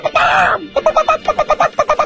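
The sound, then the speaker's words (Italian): A hen, heard in the final part of a song, lets out a drawn-out, wavering squawk, then breaks into a quick, steady run of about ten short clucks, loud. “No, c'era una gallina.”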